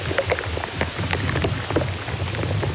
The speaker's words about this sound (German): Sie nehmen die Geräusche von Insekten im Baum auf, aber auch wenn zum Beispiel Flüssigkeit im Baum auf- und abfließt. Da hört man auch mal ein Ploppen oder Knistern. Ja, und im Inneren einer Buche klingt das zum Beispiel so.